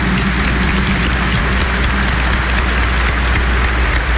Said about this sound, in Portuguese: Vamos acolher a todos e a todas com a calorosa salva de palmas. Bem-vindos, bem-vindas.